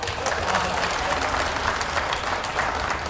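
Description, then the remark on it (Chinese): A crowd applauds steadily for about three seconds, a dense, even wash of many hands clapping at once with no pause and no voices standing out. “甭嘀咕，鼓您的。”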